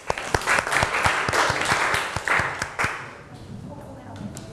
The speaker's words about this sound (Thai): เชิญเลยครับปรบมือเพื่อนหน่อย